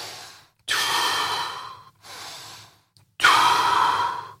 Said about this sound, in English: So your breathing is the key. So you want to be setting your breathing, getting your nice and calm.